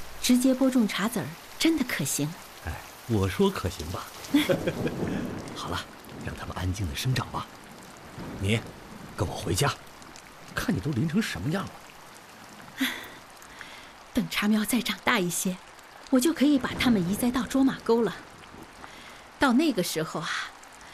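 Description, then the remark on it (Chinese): Steady rain hisses softly in the background while a man and a woman talk over it, the patter continuing through their conversation. “下雨了，大家都下班了，你怎么还不回家呀？”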